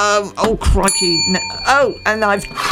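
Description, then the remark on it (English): A small bell, like a bicycle bell, rings once with a bright, sustained metallic tone that hangs on for a couple of seconds beneath loud, voice-like sounds. “Why is there a bell?”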